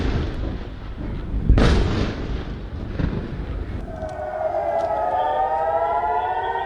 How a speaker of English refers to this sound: For the first time since early April, air raid sirens rang out across the northern Israeli city of Haifa as Iranian missiles streaked through the night sky.